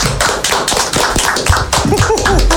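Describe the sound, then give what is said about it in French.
A group applauds loudly, a dense, steady patter of many hands clapping for about two and a half seconds, with a few faint voices calling out underneath. “Et je pense qu'on peut l'applaudir bien fort.”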